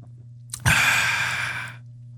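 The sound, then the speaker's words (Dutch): A single drawn-out, airy slurp of hot coffee, lasting about a second after a brief lip noise, over a steady low hum. “Rare slurp, hè?”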